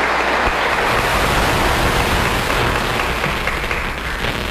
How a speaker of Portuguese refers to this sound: Bem-vindas, se sintam acolhidas e a casa é nossa. Viu? Uma salva de palmas às irmãs.